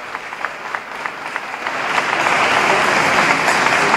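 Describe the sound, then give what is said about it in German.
Friendly applause in the cathedral of the Holy Cross and Saint Eulalia greeting Pope Leo on his arrival, starting as scattered claps and swelling after a couple of seconds into steady, dense clapping from a crowd, with no one speaking. “und auch hier in der Kathedrale wird er nun mit freundlichem Applaus begrüßt”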